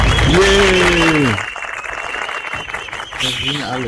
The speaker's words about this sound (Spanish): Se vale un aplauso ese. Un aplauso será. Por fin será una contratación.